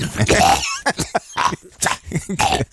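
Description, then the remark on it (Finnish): A person fakes a weak, sickly cough: a raspy, drawn-out hack followed by a string of short, wheezy coughs and throaty sputters, heard on its own. “Ihan sellainen perintöä odotellessa yskä.”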